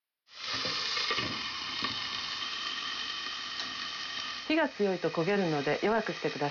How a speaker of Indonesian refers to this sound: Pastikan batangan wortel terlapisi minyak secara merata dan tumis sampai warnanya berubah menjadi agak transparan. Kalau sudah menjadi transparan karena menyerap minyak, tutup penggorengan dan biarkan matang dengan uap di atas api kecil.